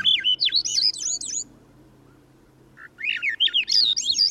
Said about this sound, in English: The song of a Swainson's thrush spirals upward as we begin a hike in the mountains of the West. The trail leads from a riverside forest in the lowlands, and as we walk, bird voices ring out.